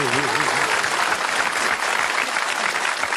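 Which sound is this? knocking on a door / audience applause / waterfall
audience applause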